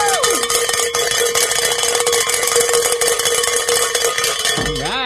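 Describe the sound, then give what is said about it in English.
A bell is rung loudly and continuously for about five seconds to mark a pledge goal being reached during a call-in fundraiser, its bright metallic clanging repeating in rapid strokes over a steady ringing tone, with no voices. “It's always great to be able to ring the bell”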